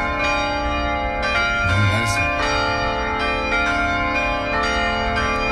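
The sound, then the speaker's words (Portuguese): Twelve church bells of a church in Aparecida do Norte, Brazil, ring at 6 pm, continuously, their overlapping metallic tones sustaining and layering with repeated strikes, fairly loud, with no talking over them. “Ó, os sinos lá da igreja.”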